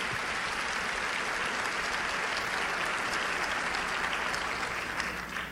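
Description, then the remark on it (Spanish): Sustained applause from an audience for the women present, a dense steady clatter of many hands clapping at an even loudness for several seconds, with no voices standing out. “Así es de que un aplauso para ustedes, mujeres, mujeres valientes.”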